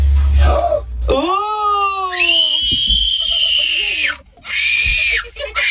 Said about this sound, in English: Now, that is not a kid being attacked by a monster or being driven away from his parents. Nope. That is an excitement scream. That is a happy scream.